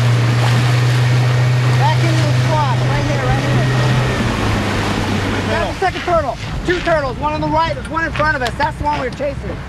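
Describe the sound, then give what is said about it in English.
A boat's engine drones steadily over rushing wind and water off the coast of Florida, then fades out as several scientists start talking excitedly while catching a turtle to tag it. “in a boat with a bunch of scientists off the coast of Florida doing the first step of tagging a turtle, which is, of course, catching it.”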